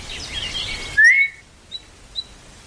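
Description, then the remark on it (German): In a garden, a single soft but sharp whistle rises quickly and holds briefly, followed by two faint short chirps, over a quiet background with some earlier bird-like twittering. “Als ich am zweiten Nachmittag missmutig die Gartenwege entlang schlenderte und immer wieder mit der Zunge die verheilende Zahnwunde betastete, hörte ich auf einmal einen leisen, aber scharfen Pfiff.”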